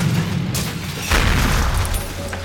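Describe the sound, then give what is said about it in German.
A big explosion of a corn storage silo: a loud, deep boom bursts out about a second in, followed by sustained rumbling and crackling debris, with no voices. “Oh, das ganze Maislager explodiert.”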